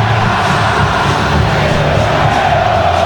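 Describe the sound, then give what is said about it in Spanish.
A loud, dense stadium crowd of more than 30,000 people roars and applauds continuously as the referees and the players of both teams walk onto the pitch, a steady wall of cheering and clapping with no pauses and no clear speech. “cuando el árbitro principal, sus colaboradores, los jugadores de uno y otro equipo ingresan al terreno de juego, generando todo tipo de aplausos.”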